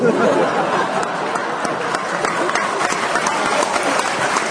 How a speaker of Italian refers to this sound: Mi mettete un applauso per favore.